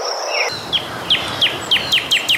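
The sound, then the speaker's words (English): A bird repeats short, bright downward chirps at a steady pace, about seven in a row, over a faint hissy background of insects or ambience. No voices. “Here's the sound effect of the birds and the monkey.”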